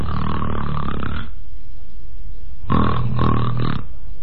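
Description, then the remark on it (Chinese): A man's voice imitates snoring, two long rasping snores, the first drawn out, then a pause and a second rougher, pulsing snort-like snore; a storyteller imitating Kou Zhun snoring with his eyes open while lying in a mourning tent. “瞪着眼睛又打上呼噜了。”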